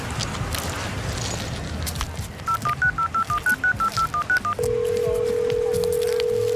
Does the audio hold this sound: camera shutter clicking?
no